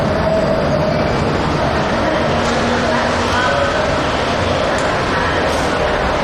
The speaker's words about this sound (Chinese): 那个，我才下班来赶地铁。